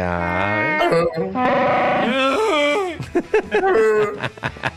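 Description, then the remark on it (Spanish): A voice imitates the growl of Chewbacca the Wookiee: long, wavering, throaty howls rising and falling in pitch, then a choppier run of short guttural bursts. It's loud and carries on alone without any normal talk. “Sí, entonces ¿cómo? ¿Cómo hace Chubaca?”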